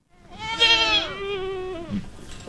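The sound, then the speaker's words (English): A goat lets out one long, wavering bleat, loud and nasal, trailing off into a quieter bleat against soft outdoor field noise, from a bunch of goats grazing under the hot afternoon sun in a field of brush just north of Auburn in the Sierra Nevada foothills. “In a field of brush just north of Auburn in the Sierra Nevada foothills, a bunch of goats are grazing under the hot afternoon sun.”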